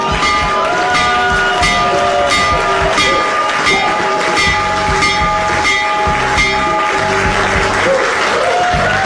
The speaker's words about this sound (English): All right, that was this morning in the Oval Office. President Donald Trump ringing the bell for the New York State.